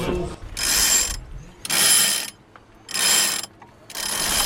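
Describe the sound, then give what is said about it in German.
Sails being hoisted on a sailboat at a jetty in front of hundreds of spectators: four rhythmic bursts of a rasping, whirring winch or pulley, each lasting about half a second, separated by short quiet pauses, with no voices. “Vor hunderten Zuschauerinnen und Zuschauern am Steg setzt er die Segel.”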